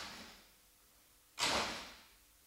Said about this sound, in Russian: Вот папа садится в автобус, едет по улице, бежит по лестнице, открывает двери.